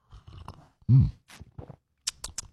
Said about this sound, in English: All right, grab a little coffee, a little juice, a little OJ, whatever you need to get your day off to a good start. It is the morning slurp. Let's do this, shall we? All right, here we go.